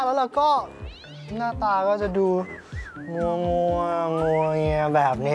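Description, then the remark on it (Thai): A cat named Panther yowls in long, wavering, drawn-out cries, loud, while fighting with a dog, as a man keeps talking over the noise. “ตื่นก่อนเวลาเพราะว่าได้ยินเสียงเจ้าแพนเตอร์เนี่ยทะเลาะกับสุนั”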